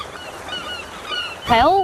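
Seagulls call at a sandy seaside beach over a steady outdoor background: faint, scattered cries first, then one loud, wavering squawk near the end.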